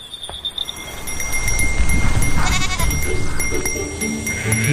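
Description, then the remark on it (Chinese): Goats bleat a few times in wavering, nasal calls over a steady rustle of a moving herd, with thin high bell tones ringing faintly throughout. The herd of Yuzhou running-mountain goats, a Huanghuai white goat breed, walks a familiar mountain path in the mountains of western Yuzhou at daybreak. “山还没有醒，羊群已经踏上熟悉的山路。”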